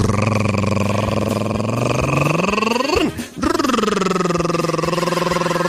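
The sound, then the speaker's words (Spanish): A voice makes the sound effect of a car driven along a road for an acted joke: a steady, buzzing hum that climbs in pitch, breaks off briefly with a sharp drop, then resumes its droning rumble for several seconds. “Iba en el carro. Y el carro sonaba así.”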